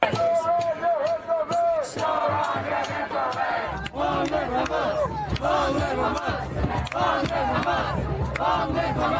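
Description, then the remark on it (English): A large crowd of protesters at a vigil in New York City, with Hamas chants, shouts and chants at Mayor Mamdani, overlapping voices rising and falling in loud, continuous waves with no break, sharp individual yells cutting through the dense roar. “You can see people yelling and fighting here.”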